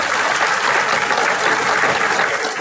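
Sustained, long-lasting applause from the whole audience, a dense, steady wash of many hands clapping at an even loudness throughout, with no voices standing out.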